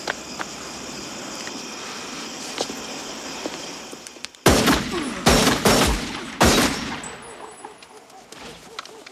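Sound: gunshots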